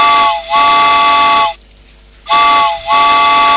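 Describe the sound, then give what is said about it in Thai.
A loud steam train whistle blows in two pairs of sharp blasts, each pair split by a short dip, with a brief pause of near silence between the pairs. No voices are heard. “เอาล่ะรถไฟออกก่อนนะ”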